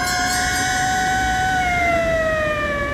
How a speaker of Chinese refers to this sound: 忽然一队警车由远而近，呼啸着驶过街头。齐长鹏目送警车驶远